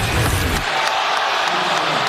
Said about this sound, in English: You hear the crowd reacting to the replay. I believe they're going to take a look at it.